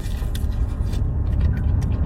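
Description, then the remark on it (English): Someone prying at a plastic gravy container lid: steady scraping and creaking plastic, with a few brief sharp clicks and snaps over a low rumbling background, no talking. “Okay, I just literally had a battle with the gravy lid.”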